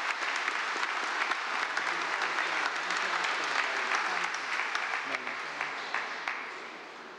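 Sustained applause from a large audience asked to stand, honoring two priests giving thanks for their priestly ministry: a dense steady wash of many hands clapping for several seconds before tapering slightly at the end.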